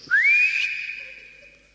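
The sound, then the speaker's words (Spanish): A single short whistle, whistled at a hat, that glides upward quickly and then holds a steady high pitch, clear, fading out gently with no talking. “Bueno, yo le voy a pegar un silbidito al sombrero y capaz que vuelve.”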